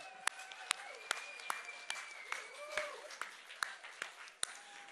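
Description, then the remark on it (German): Crowd applause at a concert, the audience clapping for themselves, with sharp, distinct claps standing out at a fairly steady pace over a softer wash of clapping, plus some faint tonal sounds and murmuring in the background. “Also einmal Applaus für euch.”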